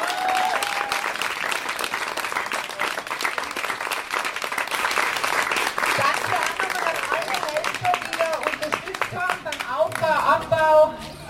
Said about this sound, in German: Bitte nochmal einen großen Applaus.